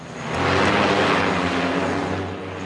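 An interceptor drone, meant to catch another drone with a net, takes off at a Bundeswehr site on the disused Berlin-Tegel airport; its motors whir up into a loud, steady buzzing roar, holding for a couple of seconds before easing off slightly as it lifts away. No one speaks.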